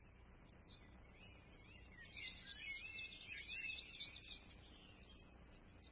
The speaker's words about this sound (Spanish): El bosque estaba lleno de árboles altos y verdes. Los pájaros cantaban entre las ramas y las mariposas revoloteaban entre las flores de colores.